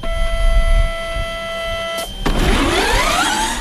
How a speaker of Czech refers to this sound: Studentská elektrická formule E-Force Prague projíždí klikatou zkušební trať vymezenou barevnými kužely. Za volantem ale nikdo nesedí.